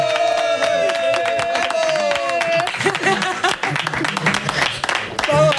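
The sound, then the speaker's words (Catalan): A crowd in the bar La Prèvia at the Tavernes sports centre applauds Carlos Espí loudly and steadily, with whoops and raised voices cheering over the continuous clapping for several seconds. “Clar que sí, un fort aplaudiment.”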